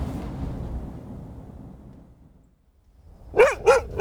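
A low, muffled rumble fades almost to silence, then a dog, Monty, barks three times in quick succession, loud, sharp and fairly high-pitched, with no talking over it.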